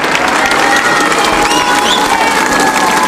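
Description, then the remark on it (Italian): A large outdoor crowd in the square at Castel Gandolfo cheers and applauds steadily in greeting to Pope Leo, a dense wash of clapping and raised voices with a few higher shouts and whistles rising above the roar. “Restando sulla piazza, pensate, lo dobbiamo far sentire il saluto.”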